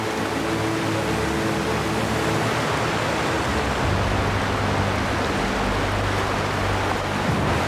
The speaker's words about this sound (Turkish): Yine su sesi duyuyorum. Evet. Etrafta açılmaya başladı bak. Evet, suyu görebiliyorum. Şunu dinle. Ya bir şelale ya da nehir.